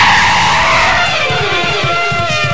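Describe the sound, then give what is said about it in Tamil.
A bus brakes hard, its tires screeching loudly over a rough engine rumble for a couple of seconds, with juddering low thumps as it slows. “இந்த பஸ்ல தான் ஏன் பிரேக் அடிச்சா எல்லா பொண்ணுங்களும் பின்னாடி போகுது?”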